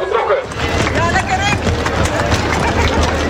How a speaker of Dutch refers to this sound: De lopers aan de lange afstand zijn vertrokken. Langs de zijlijn staan familie en vrienden de lopers aan te moedigen.